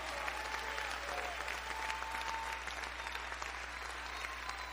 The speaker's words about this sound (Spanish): ¡Dale fuerte ese aplauso entonces al Señor!